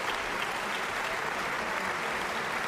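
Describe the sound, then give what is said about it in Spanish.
Sustained audience applause for the Budapest Festival Orchestra and conductor Iván Fischer after their performance of Robert Schumann's Third Symphony, the Rhenish, a dense, steady wash of many hands clapping at an even loudness throughout, with no voices standing out. “Aplausos para la orquesta del Festival de Budapest, aplausos para Iván Fischer, que acaban de interpretar esta tercera sinfonía, esta Renana de Robert Schumann.”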